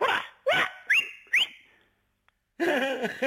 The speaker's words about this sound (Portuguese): Eu sabia que havia um assobio. E elas vêm logo. Sim, estão habituadas.